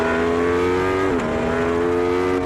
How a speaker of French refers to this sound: Elle brûle, c'est génial le V4. Parce que oui, cet Aprilia, sa particularité c'est son moteur V4. Le bruit c'est génial.